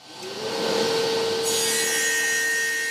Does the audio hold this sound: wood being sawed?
yes